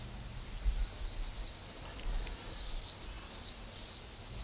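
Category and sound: bird, common swift screaming calls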